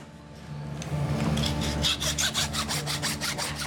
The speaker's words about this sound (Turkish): Bu testereyi en son ne zaman bilediniz?